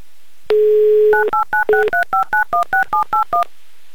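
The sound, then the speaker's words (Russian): A steady dial tone sounds briefly, then a quick run of about a dozen short, evenly spaced touch-tone beeps as a phone number in Stepnoye is keyed in to call a listener. No one speaks. “Вот туда мы сейчас звонить и будем.”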